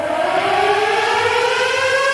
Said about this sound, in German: Es herrscht dann keine Gefahr, solltet ihr heute oder morgen plötzlich Sirenen hören. Dann sind das einfach die Sirenen nebenan aus Essen